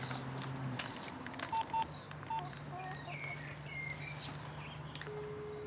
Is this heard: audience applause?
no